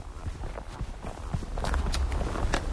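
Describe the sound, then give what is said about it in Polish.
Footsteps walk steadily on an asphalt road from the entrance of Chochołowska Valley in Poland toward Polana Huciska, mixed with sharp, bright taps of trekking poles striking the asphalt, moderately loud over a dull background rumble. “W tle słyszycie moje kroki i stuk kijków.”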